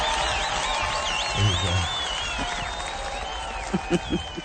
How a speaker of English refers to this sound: All right, so here's a round of applause. Well done, everybody.